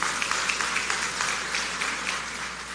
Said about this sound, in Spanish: Muchas gracias y un aplauso para ustedes.